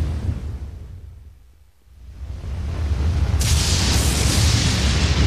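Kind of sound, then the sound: nature, thunder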